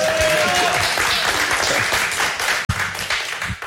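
A crowd applauds steadily, a dense wash of many hands clapping at a loud, even level, with a brief dropout near the end and a few low thumps underneath.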